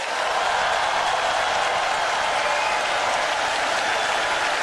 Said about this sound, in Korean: 대략 창단 모든 단원들이 한 마음 한 목소리로 대한민국의 내일을 힘차게 노래했습니다. 여러분 뜨거운 박수를 아껴서는 안 되겠죠?